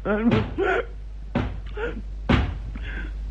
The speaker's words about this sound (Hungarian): Ki lehet az, aki így kopogta? Ki az ördögje davarni bennünket evés közben?